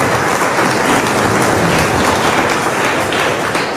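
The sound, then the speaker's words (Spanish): Steady, dense applause from a large crowd at a Mass, a continuous wash of clapping hands at even loudness with no voices standing out. “Felicidades. Aplausos, por favor.”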